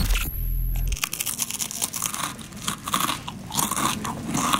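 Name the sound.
crunching crispbread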